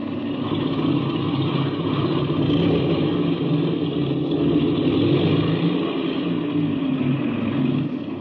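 A piston aircraft engine runs up to check that it is turning over okay, and is tested on each magneto. It makes a loud, steady droning roar that holds a constant pitch for the whole stretch, with no voices.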